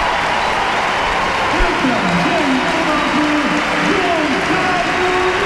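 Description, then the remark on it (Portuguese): A large crowd at Estádio José Alvalade applauds and cheers in a steady, dense roar as Cristiano Ronaldo is substituted for Gonçalo Ramos in Portugal's match against Wales, with a voice faintly audible beneath the broad wash of noise. “Aplauso do estádio José Alvalade.”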